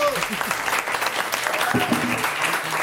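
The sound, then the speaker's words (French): Steady audience applause for a first correct answer, a dense wash of many hands clapping for a few seconds, with faint voices murmuring underneath. “On peut applaudir”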